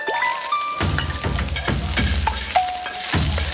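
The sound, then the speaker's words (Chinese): Steady, crackling sizzle of salted cured pork added as the first ingredient into a hot pan, loud, with scraping and stirring bursts punctuating it and a few faint clinks of utensils. “下锅， 第一步加上我们的咸肉。”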